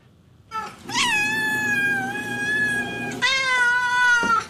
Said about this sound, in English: So the Tacoma police responded to conduct a welfare check. They discovered dozens of cats just roaming around the deck.